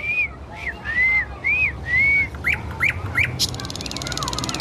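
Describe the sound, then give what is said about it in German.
A nightingale in a city sings a run of clear, whistled notes: five drawn-out slurred phrases, then three quick rising chirps and a burst of trill, over a low, steady background rumble. “Nee, das guckt sie sich von anderen Nachtigallen ab.”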